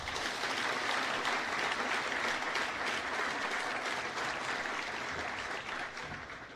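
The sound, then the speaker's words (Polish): A crowd at a university ceremony opening the academic year applauds new Politechnika students being matriculated, steady and loud, dense clapping filling the whole clip with no voices, easing slightly toward the end. “Poproszę o gromkie brawa dla wszystkich.”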